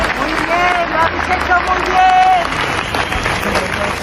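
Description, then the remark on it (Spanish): A crowd at a memorial march claps steadily outdoors in tribute, dense overlapping applause with a murmur of voices and a few shouts rising through it, sustained and fairly loud throughout. “ayer esa marcha, que a ratos avanzó en un profundo silencio, quiso rendirle homenaje con flores, velas, con las luces de los móviles encendidas y con aplausos.”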